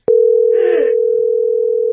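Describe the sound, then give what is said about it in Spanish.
A loud, steady telephone dial tone after the other party hangs up starts abruptly and drones on unbroken, with only a brief muffled clatter near the start and no voices. “¿Por qué me cuelga?”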